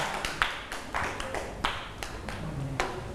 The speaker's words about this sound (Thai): เด็กๆปรบมือให้